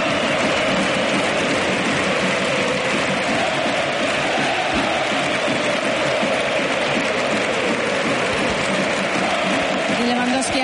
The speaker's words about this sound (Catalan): Aplaudeix l'afició, aquests crits, aquests ànims que li estan dedicant. Se'n va plorant Lewandowski.